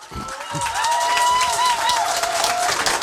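A room full of people claps steadily for about three seconds, dense and fairly loud, with a thin sustained tone gliding faintly above the applause.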